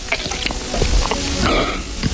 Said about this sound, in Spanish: Tragar saliva. A ver cómo es el sonido de tragar saliva de este hombre.